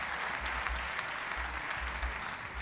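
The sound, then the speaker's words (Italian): Steady audience applause fills the whole stretch, a dense crackle of many hands clapping at an even level, with no voices over it. “Pausa, applausi.”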